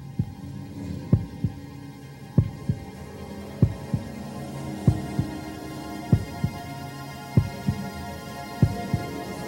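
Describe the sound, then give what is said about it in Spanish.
A heartbeat sound effect played on a radio quiz as a contestant faces a question: steady, deep double thumps repeating about once a second over a low droning hum, with no voices. “Señoras y señores, que nadie apague la radio, estos son los latidos del murciélago.”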